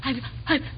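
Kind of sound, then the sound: human body sound, sneeze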